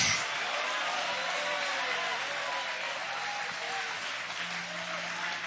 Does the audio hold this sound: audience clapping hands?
yes